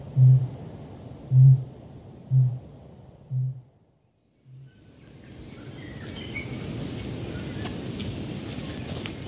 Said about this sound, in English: Rulu chicks chitter away, while from the island tops in the distance, a kakapo is booming. Hopelessly late for this breeding season, maybe practicing for the next.